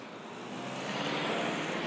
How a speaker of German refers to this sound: Jetzt müssen wir nur gucken, wenn jetzt ein Auto kommt. Franka, müssen wir es vorher warnen. Da kommt schon eins, ja.